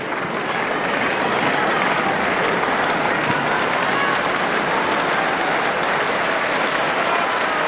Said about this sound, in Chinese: 现场的观众在给穆霍娃加油、鼓劲儿、打气。